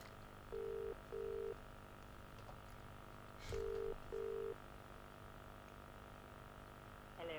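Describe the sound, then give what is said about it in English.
An outgoing phone call to a contest winner ringing through the line: two double-burst ring tones, steady and mid-pitched, separated by a pause, over a low steady background hum. “We are ringing. And someone is about to either answer, or it's going to be a total disaster, and we have to call someone else.”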